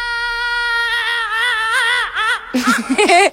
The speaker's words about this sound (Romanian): Unde știți deja regulile, mai întâi așteptăm minionul să țipe.